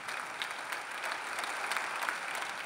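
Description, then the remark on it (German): Bremen SPD party members applauding steadily, dense overlapping claps with some cheering mixed in, sustained at an even level throughout without any speech. “Doch der Jubel kann nicht darüber hinwegtäuschen, dass die stolze Bremer SPD schrumpft.”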